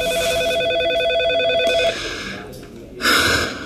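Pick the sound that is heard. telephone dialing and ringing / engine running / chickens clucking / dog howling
telephone dialing and ringing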